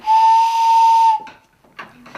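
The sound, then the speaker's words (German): Two pipes taken from a barrel organ blow a loud, breathy whistle that sounds like a train whistle. It holds one steady tone for about a second, then cuts off, leaving faint rustling and clicks. “Und wenn man die zusammenspielt, hat man eine Eisenbahn.”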